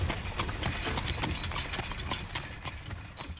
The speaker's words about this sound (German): Der Fuhrmann ging stets neben seinen beiden Pferden.